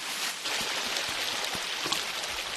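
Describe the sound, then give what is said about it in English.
A small stream of water flows and trickles steadily, a soft continuous hiss with faint bubbling, moderately quiet, with no voices. “It's a little stream of water.”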